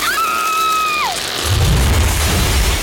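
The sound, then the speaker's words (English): A tree crashes through a house into the living room: a high, sliding tone drops sharply, then a loud, heavy crash booms into a deep, sustained rumble. No one speaks. “Jan thought her trees were fine, till one decided to come through her living room.”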